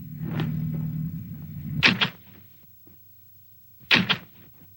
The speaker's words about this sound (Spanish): Rodrigo, al oír un carro,